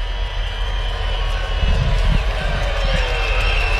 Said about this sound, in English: Crowd getting into it. Post-game drone show keeping them in their seats, as well as the enthralling action tonight.